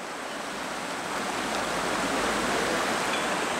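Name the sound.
rain falling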